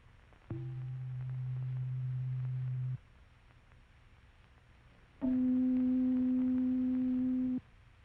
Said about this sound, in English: And now the sound of C below middle C.